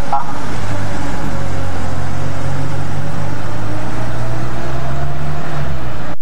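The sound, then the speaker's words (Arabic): An ambulance pulls away from the emergency entrance of Al-Ahli Hospital in Hebron, carrying a patient to intensive care, with a steady engine rumble and road noise that hold for several seconds, the low drone shifting slightly as it drives off. “غادرت سيارة الإسعاف مدخل طوارئ المستشفى الأهلي في مدينة الخليل”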